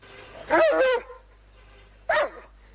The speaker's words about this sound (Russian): Что ты рычишь? Ну что ты рычишь?